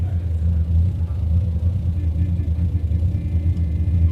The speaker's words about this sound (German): Stell den Motor ab.